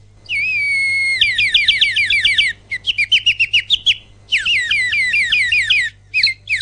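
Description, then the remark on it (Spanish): A small pet bird chirps loudly, pouring out rapid, repeated high chirps and warbling trills in three long bursts separated by short pauses, with no voices present. “Mira, te saluda el pajarito, escuchá.”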